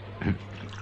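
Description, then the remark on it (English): Pest killer squirts from a bottle onto an ant on a desk in one brief splashing burst, then only a low steady hum remains in the background. “That's full of pest killer, you see. You see that ant on your desk, sir? Huh? Now, you just watch this.”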